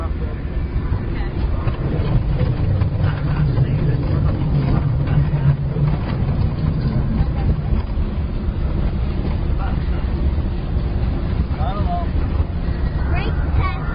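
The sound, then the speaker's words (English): A vehicle engine drones steadily as it drives along a vehicle test course, a constant low rumble mixed with wind buffeting the microphone, while muffled voices murmur underneath for the whole stretch. “Vehicle 1 is clear for hill climb. Okay, let's go. Let's proceed to the rough road test.”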